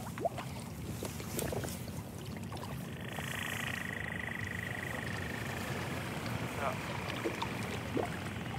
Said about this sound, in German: Also es gibt ja verschiedene Lärmquellen, wir haben jetzt die Boote gehört, die sind eigentlich immer da.